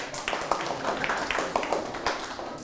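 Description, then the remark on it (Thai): A classroom group of students claps for themselves after giving a correct answer, a patter of many overlapping hand claps that keeps up for a few seconds at moderate volume, with no talking over it. “คำตอบคือบรรยายโวหารถูกต้องปรบมือให้ตนเอง”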